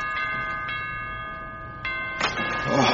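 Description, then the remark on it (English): A doorbell at the front door rings repeatedly, its bright sustained chime struck four times in quick succession and lingering between strikes, fairly loud, with muffled rustling noise toward the end. “Oh, he'd stop that noise. Bloody doorbell.”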